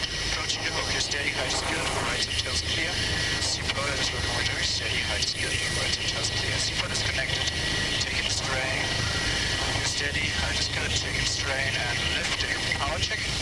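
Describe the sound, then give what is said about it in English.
A helicopter hovers, held as steady as possible without autopilot while a winch operator at the door hoists a person up on a cable. Its loud rotor and engine roar holds steady and unbroken throughout, with muffled voices faintly audible beneath the din. “has to keep the helicopter as steady as possible, without autopilot”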